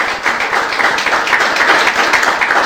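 An audience breaks into sustained applause to the Lord for pastors joining Casa de Oración Argentina, a dense, steady wash of many hands clapping at once, fairly loud and even throughout with no voices standing out.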